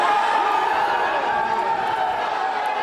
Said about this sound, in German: Jubelszenen vor einem Gerichtsgebäude in Los Angeles.